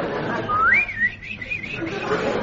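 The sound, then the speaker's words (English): A person whistles a warbling, bird-like tune imitating birds twittering, with quick rising and falling high notes that trill up and down over about two seconds against a soft background hum. “As I walk down the country lane, I hear the birds twittering.”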